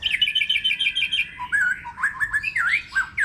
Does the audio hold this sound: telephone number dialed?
no